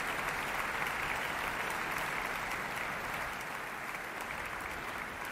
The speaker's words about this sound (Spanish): los aplausos saludando desde el podio.